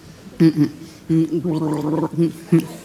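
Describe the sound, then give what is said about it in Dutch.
Someone drinks a glass of water, with a few short gurgling, throaty bursts and one longer, wavering gargle-like stretch in the middle, fairly loud, with no talking. “Doe ik eventjes... glaasje water.”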